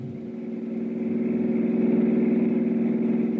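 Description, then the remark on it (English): A car engine roars loudly, its steady growl swelling slightly in strength over a few seconds as the car suddenly pulls away from the back of a house, with no voices. “From where I stood, I couldn't identify the car that suddenly roared away from the back of the house, but one thing was obvious.”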